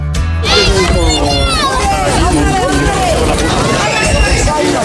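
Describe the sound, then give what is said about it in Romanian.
A lively crowd of children's voices shouting and chattering over one another as they play outdoors at a traveling caravan of traditional wooden games run by Madrid city hall in Spain, a steady, loud babble with occasional higher-pitched calls rising above it. “Auziți acești copii fericiți? Nu sunt în fața unui ecran, ci se joacă afară.”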